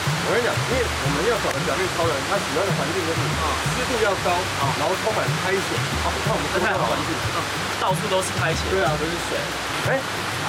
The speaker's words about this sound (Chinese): 怎么带我们到瀑布溪流旁边呢？该不会是要溯溪玩水吧？